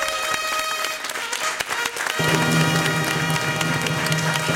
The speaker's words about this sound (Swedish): Ja, en stor applåd till P3. Så bra.